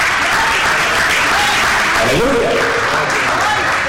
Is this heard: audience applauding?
yes